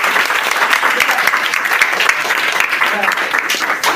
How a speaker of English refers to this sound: A round of applause.